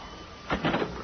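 A house door opens with a quick clunk followed by a short rattling scrape, all over in under a second against faint background hiss.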